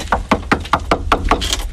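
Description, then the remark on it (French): A quick, steady series of about eight knocks on the heavy door of the château de Malin in Burgundy, France, evenly spaced and fairly loud, with no one speaking. “Allez, je vais toquer.”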